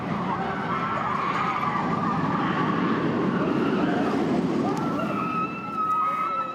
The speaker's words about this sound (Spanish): Porque pueden cambiar la altura, la velocidad o el recorrido, pero hay algo que nunca falta en una montaña rusa: los gritos.